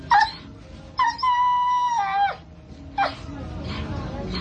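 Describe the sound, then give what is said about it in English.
Hungry dogs in Uganda whine and howl: a short high whimper, then a long wavering howl lasting over a second, followed by another brief whine over a murmuring noisy background. “As you see, our dogs are hungry.”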